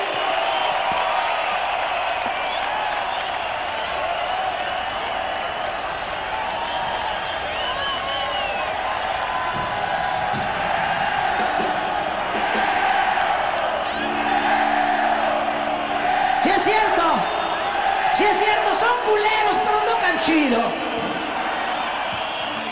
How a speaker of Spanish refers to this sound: Pues venga ese aplauso para estos maestros, chido por ellos.